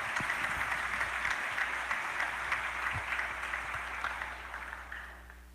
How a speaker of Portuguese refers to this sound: Uma salva de palmas.